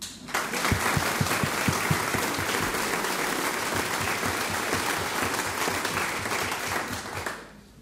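audience applause

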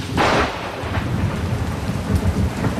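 rain with thunder

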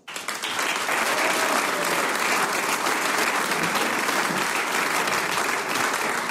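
audience applause

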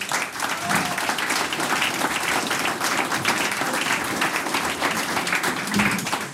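audience applause

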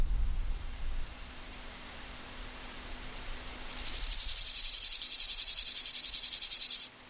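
grasshoppers chirping at night

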